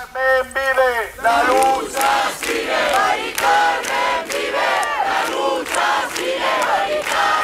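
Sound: protest crowd chanting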